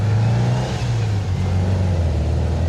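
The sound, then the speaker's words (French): The loud engine of an old Volkswagen Beetle drones and revs steadily, its deep, buzzy low hum holding strong throughout with slight shifts in pitch, heard from inside the car, whose engine panels and sound-deadening padding have all been removed, with no talking. “C'est vachement bruyant parce qu'il y a tout, toutes les tôles moteurs, tout ça, tout a été viré.”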